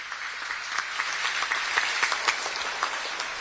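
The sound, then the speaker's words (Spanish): A crowd at a Holy Mass applauds steadily, a dense wash of many hands clapping at once with a few sharper claps standing out, sustained throughout at moderate loudness with no voices. “Un fuerte, fuertísimo aplauso.”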